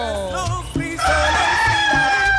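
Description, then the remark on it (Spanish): A rooster crows loudly, a long strained cock-a-doodle-doo that rises sharply about a second in and holds to the end, with a low rumbling background underneath. “A ver, yo le escucho el gallo, mi amor.”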